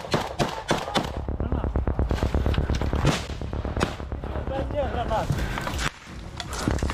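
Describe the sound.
Rapid bursts of automatic gunfire during an infantry assault crack almost continuously, sharp and loud, as soldiers fire over the heads of and from behind their comrades, with shouting voices mixed in and a brief lull near the end before the shooting resumes.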